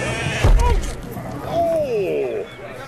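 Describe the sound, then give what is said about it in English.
North Country Mule sheep in an auction ring bleat loudly in a short, wavering call, then a longer quavering bleat follows, over a steady background murmur with some low thumps early on. “Kevin had assured me that North Country mules are very calm sheep.”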